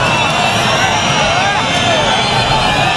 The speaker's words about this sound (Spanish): Este es el abucheo que esta semana hemos escuchado varias veces, porque es llamativo. Marlaska fue a Baza, el momento en el que los nuevos guardias civiles de una nueva promoción juraban.